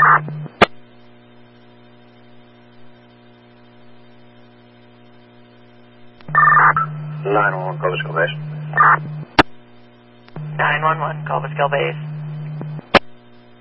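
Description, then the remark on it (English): Steady electronic fire dispatch paging alert tones over a scratchy radio channel, for a call to a house with a smoke condition, sounding in two bursts with a constant low hum beneath and brief radio clicks between them, plus muffled transmission noise. “Do another set of tones from Manpower, please.”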